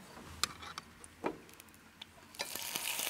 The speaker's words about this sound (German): Wenn man das jetzt einfach so da drin braten wird, wird es schwarz werden, ne? Ja, deshalb klein bisschen Öl dabei und die Äpfel dazu.